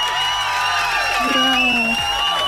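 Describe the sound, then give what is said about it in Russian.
A loud, steady burst of crowd cheering with whoops and shouted voices sliding up and down in pitch, backed by a wash of applause, lasting a couple of seconds without letting up, played on Europa Plus radio for a listener who guessed correctly. “Я тебе поздравляю, аплодисменты для тебя.”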